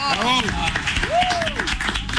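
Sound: applause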